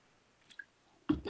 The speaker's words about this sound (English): Let me take a slurp here.